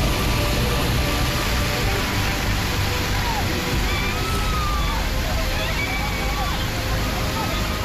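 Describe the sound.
Fast-flowing floodwater surges down a mountain stream in the Thanamandi area of Rajouri, India, flash-flooded by heavy rain during an Indian Army rescue operation, in a loud, unbroken roar that holds steady from start to finish, with faint voices barely audible beneath the rushing water.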